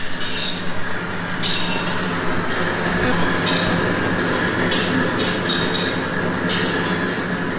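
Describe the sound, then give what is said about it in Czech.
Authentic recorded sound of the screw works at the coal mill in Lipčice nad Vltavou, where steam-driven machines have made screws since the 1880s: a loud, unbroken mechanical roar, with metallic clattering throughout and short bright hissing bursts recurring every second or two. No voices are heard. “A vy teď uslyšíte autentický zvuk zdejších šroubáren.”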